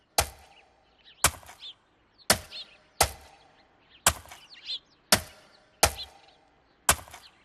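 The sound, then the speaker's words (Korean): Horse hooves clop at a slow, steady walking pace, about eight sharp hollow knocks spaced roughly a second apart, with faint bird chirps between them. “사람들은 말발굽 소리에 얼굴을 잔뜩 찌푸렸어요.”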